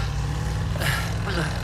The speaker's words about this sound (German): Das war ein Chevrolet Bel Air. Na, wenigstens wissen wir jetzt, was er für ein Auto fährt.